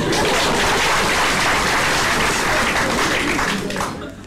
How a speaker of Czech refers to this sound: Žádám potlesk pro naše občany.